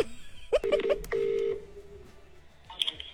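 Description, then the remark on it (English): Several quick electronic keypad beeps from a phone being dialed to call someone back, ending in one longer held tone, clear with no talking, then a faint high chirp as it fades. “But now, I still haven't gotten what I wanted, so I called back.”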